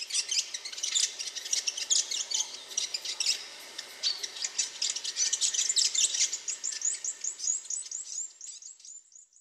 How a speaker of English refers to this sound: The Pea Waka Waka. The Fantail.